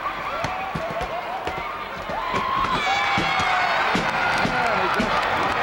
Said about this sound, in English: He walks over and the crowd, well, sort of mixed. Some cheering and some booing. That's usually the way you find a wrestling crowd.